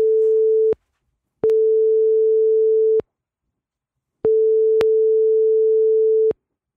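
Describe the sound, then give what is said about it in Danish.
A telephone ringback tone repeats with no answer: a steady, fairly low electronic hum sounding in long bursts separated by short silences, with clicks at each start and stop and no voices. “Der er ikke nogen, der tager den.”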